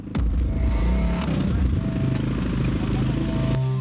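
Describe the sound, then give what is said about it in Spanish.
A motorcycle engine runs steadily, its low chugging rumble filling the whole stretch, with a voice faintly audible underneath and a couple of sharp clicks along the way. “Paramos la moto, bajamos y seguimos a pie.”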